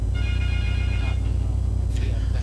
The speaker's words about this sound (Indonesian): Itu seperti sudah ada telepon masuk ya, Bang. Iya, sudah ada.